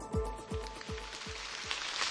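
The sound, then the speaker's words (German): Light drizzle patters steadily on the leaves of a maize field in Obernzenn, Franconia, Bavaria, the first rain in weeks after a dry spring: a soft, continuous crackling hiss with a faint, regular low thumping underneath. “Leichter Nieselregen prasselt auf den Maisacker”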